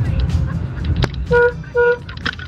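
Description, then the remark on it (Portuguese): Two short car horn honks ring out in quick succession over a steady low rumble of street traffic, with a few faint clunks and background noises around them. “Estamos aí, sei lá, meio em Nárnia, meio em trânsito, tá meio estranho, mas estamos ligadinhos aqui, hein?”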